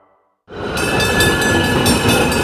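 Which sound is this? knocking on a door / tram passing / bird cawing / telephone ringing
tram passing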